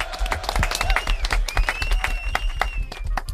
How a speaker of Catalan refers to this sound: Ho heu fet superbé. Aplaudiments.